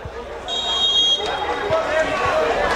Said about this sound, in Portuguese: Se acompanha ao fundo aí a torcida, gritando, comemorando bastante, apoiando o time. Aproveita o batuque.